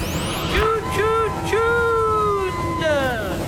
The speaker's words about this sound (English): Why is there so much traffic? Always traffic.